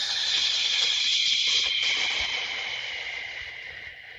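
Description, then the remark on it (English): A long, steady exhale after a held deep breath, a breathy hiss of air lasting about four seconds that slowly softens and fades toward the end, with no talking over it. “Let's take the biggest deep breath that we've taken. Holding that in. And then exhale.”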